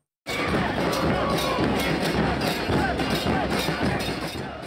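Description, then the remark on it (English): A large crowd of Argentina football fans in Kansas, United States, before Argentina play Algeria, cheers and chants continuously, a dense, loud roar of many voices with rising shouts and whoops throughout, no single speaker standing out. “Argentina fans have been making their presence felt all over the United States.”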